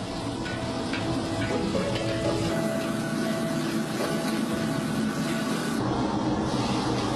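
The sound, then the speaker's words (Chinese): Steady, loud sizzling of pieces of pigeon meat being stir-fried until golden in cold oil in a hot wok, a dense crackling hiss that carries on without a break from start to finish, with faint clinks underneath and no voices. “开肚去内脏，肉切成块，热锅冷油，白鸽肉大血落锅，爆炒至金黄。”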